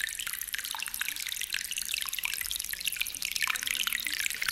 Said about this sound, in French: Alors, si on entend la cascade, on sait que c'est le vent du midi. On sait qu'il va venir.